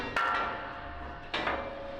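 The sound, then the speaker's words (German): Two sharp metallic hammer strikes as fitters change the heavy steel brake blocks of a railway wagon, about a second apart, each leaving a ringing tone that lingers briefly; fairly loud with no talking. “Die Schlosser brauchen nur Hammer, Meißel und Kraft.”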